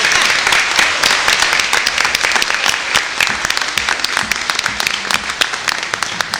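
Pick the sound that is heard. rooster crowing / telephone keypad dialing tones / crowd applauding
crowd applauding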